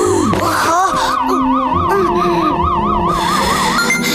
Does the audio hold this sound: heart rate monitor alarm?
yes